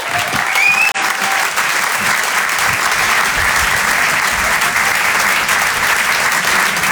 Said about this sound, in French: On peut l'applaudir très fort lui aussi.